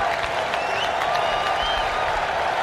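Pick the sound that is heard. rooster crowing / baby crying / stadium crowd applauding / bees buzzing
stadium crowd applauding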